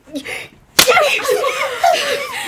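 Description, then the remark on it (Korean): A single sharp, loud slap to the cheek cracks out after a brief breathy moment, as a mother shouts and slaps her child's cheek, followed immediately by a raised, strained voice crying out. “거기에 끌려 엉거주춤 일어섰고 엄마는 고함을 지르며 내 뺨을 때리기 시작했다.”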